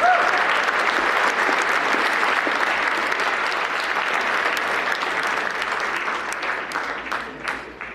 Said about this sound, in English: Let's hear it one more time for this year's winners. Ladies and gentlemen, thank you so much. Let's give him another huge round of applause.